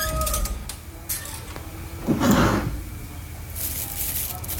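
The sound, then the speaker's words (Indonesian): A drawer slides open with a short scraping rush midway, surrounded by quieter shuffling and rummaging sounds as someone searches through it for a notebook. The drawer holds many envelopes. “Di laci kok malah banyak amplop kayak gini.”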